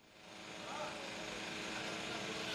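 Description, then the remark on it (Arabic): A steady, droning buzz of high-tech reconnaissance drones hovering overhead at low altitude in the Gaza Strip, swelling slightly in the first second and then holding at a constant, fairly loud level. “الطائرات التي تحوم فوقنا الآن وعلى ارتفاعات منخفضة هي طائرات استطلاعية بتقنية عالية جدا وترصد كل شيء على الأرض، وهي تعرف بأن هناك طواقم صحفية وهناك أيضا مصورون ومراسلون يعملون في مناطق متعددة في القطاع”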